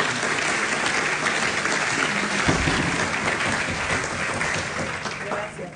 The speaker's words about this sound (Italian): Mi fate un applauso per favore, visto che sono due signore.